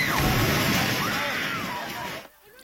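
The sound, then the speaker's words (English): A building collapsing during an earthquake in the Philippines: a loud, continuous roar of crumbling debris and crashing rubble, with faint voices crying out underneath, lasting about two seconds before dropping off abruptly into near quiet. “That reaction as the Templar sent a building tumbling and crumbling.”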